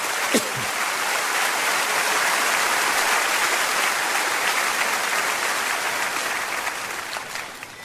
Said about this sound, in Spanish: Claro que sí, dele un fuerte aplauso.